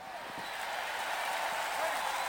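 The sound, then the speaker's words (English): A large crowd applauds and cheers in reaction to a speaker, a dense, continuous wash of clapping and voices that holds steady and swells slightly toward the end, with no single speaker standing out. “Well, he certainly got the reaction of the crowd there.”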